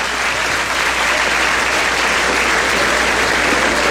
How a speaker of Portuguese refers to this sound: Palmas para Jesus.